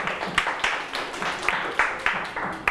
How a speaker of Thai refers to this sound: ในส่วนนี้ไม่เป็นไรนะครับก็ขอบคุณเพื่อนมากที่ออกมาแบ่งปันข้อมูลกันปรบมือให้เพื่อนครับ